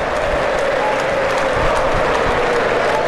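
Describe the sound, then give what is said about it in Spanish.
A large stadium crowd of football fans applauds steadily during a match involving Mónaco, a dense, loud wash of clapping with a low crowd roar underneath, holding at an even level throughout. “Llegan los aplausos, la afición se enciende, quiere más.”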